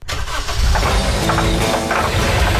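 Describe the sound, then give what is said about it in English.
A vehicle engine runs loudly, a steady low rumble with a rough, noisy edge that holds for the whole few seconds, with no voices. “That's your vehicle.”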